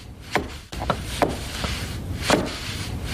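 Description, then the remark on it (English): About five sharp, woody taps land at an uneven pace as a man taps weather stripping into place around a side door frame, insulating a flat-roofed, stucco-sided building on a gray morning with light snow, over a steady hiss of background noise. No one speaks. “On a gray morning with light snow, a wiry man with a plaid shirt, a tool belt, and a full white beard taps weather stripping into place around a side door.”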